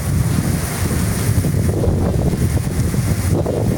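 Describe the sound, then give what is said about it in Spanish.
A heavy rain downpour in Jamundí roars steadily, a dense, constant wash of noise with deep rumbling buffeting, like wind hitting the microphone. No one speaks. “Llueve durísimo en Jamundí, ve. Escuchen eso.”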